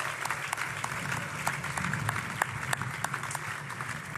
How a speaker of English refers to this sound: Ladies and gentlemen, another round of applause, please. That was sensational.